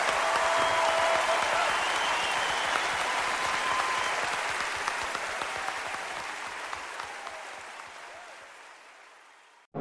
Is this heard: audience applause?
yes